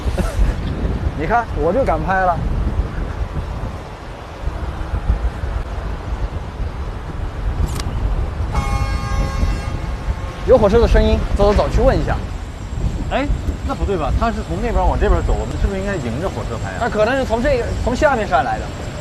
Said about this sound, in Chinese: 有火车的声音，走走走，去问一下。哎，那不对吧？他是从那边往这边走，我们是不是应该迎着火车拍啊？